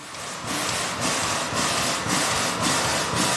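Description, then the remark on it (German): The historic steam tram locomotive Lok 12 of Stiftung Bernmobil Historique hisses steadily in front of the tram depot in Bern, Switzerland, after four hours of heating, puffing in a regular rhythm, a chuff roughly every half second over a loud, broad wash of steam noise and a low engine rumble. “Sie dampft und zischt vor dem Tramdepot wie ein Tier, das endlich aus dem Stall will.”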